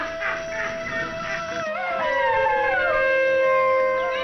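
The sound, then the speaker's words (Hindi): Wild animals roar and howl in a loud, sustained chorus, several long wavering cries overlapping and sliding up and down in pitch, growing fuller partway through, mingling with the sound of a yogi's horn (shringi), with no one speaking. “जोगी की शृंगी के स्वर में वन्य जीवों की दहाड़ मिल जाती है।”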